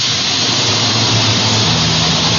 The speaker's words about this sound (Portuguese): Ó, escuta aí o chiadão dessa panela de pressão, hein? Que será que tem na panela do padre hoje?